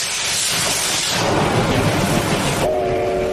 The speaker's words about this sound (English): The operator of a popular Japanese steam locomotive has conducted a test run after a six-year break.